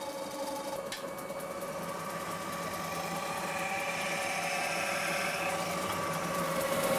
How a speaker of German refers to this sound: Dafür muss Manfred das runde Zinkblech an der Metalldrückbank Stück für Stück über die Drückform zwingen.